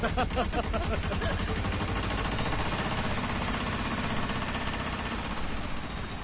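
A tractor engine runs steadily and loudly as it carries a teacher along a mountain road, its rapid chugging pulses strongest at the start, then settling into a continuous rumbling drone that fills the whole stretch.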